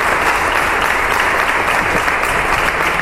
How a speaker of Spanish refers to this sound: Ha comenzado con un minuto de silencio en muestra de respeto y recuerdo hacia el regidor fallecido el pasado domingo. El minuto se rompía con un aplauso por parte de toda la corporación.